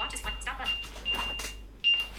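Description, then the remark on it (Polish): An S24 phone rings after the Ring button is pressed on a Watch 7 smartwatch to locate it: a thin, high-pitched electronic tone that pulses on and off in a steady pattern, growing slightly louder at the end, while someone talks over it. “Możemy, o, mamy przycisk właśnie Ring, czyli możemy zadzwonić, klikamy. O, brzmi to tak.”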